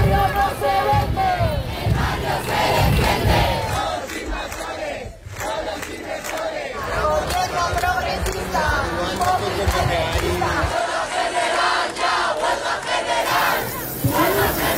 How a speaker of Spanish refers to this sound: Así sonaban las llaves de los 500.000 manifestantes de Madrid